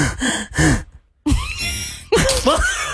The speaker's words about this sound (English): Oh, weird. Why are you breathing?